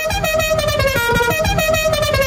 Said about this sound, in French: C'est bizarre, comment ça se fait qu'il y a ce klaxon là comme ça?